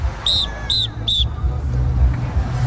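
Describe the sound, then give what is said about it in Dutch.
Three short, shrill whistle blasts from a traffic controller at a pedestrian crossing in quick succession, sounding over a steady low rumble of street traffic. “Nu wordt er geblazen.”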